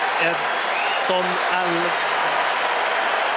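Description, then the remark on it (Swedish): A large stadium crowd at a Mexico versus South Africa football match roars and applauds steadily for Edson Alvarez coming on as a Mexico substitute in his 99th international, a dense, loud wash of cheering that fills the whole stretch, with a voice briefly rising above the din early on. “Det är honom publiken jublar åt.”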